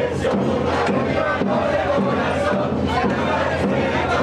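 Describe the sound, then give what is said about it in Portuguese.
A large crowd of football fans chants and roars continuously, a dense wall of voices rising and falling in rhythmic surges without pause, in Moca, during extra time of a 2026 match between Spain and Argentina after Spain took the lead. “Mas ainda assim, a torcida empurrou.”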